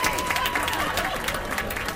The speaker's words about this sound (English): Do we have a round of applause?